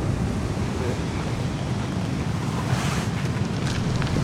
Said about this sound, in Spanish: Saltó mucho la ola.